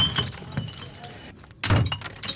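In the morning, broken glass deposit bottles left beside garbage bins and lying everywhere clink and scrape against each other, with a louder burst of shattering, crunching glass near the end, fairly loud over faint outdoor background noise.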